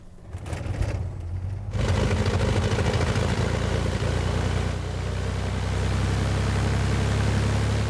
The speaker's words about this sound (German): Vater Andreas fährt mit dem Auto vor.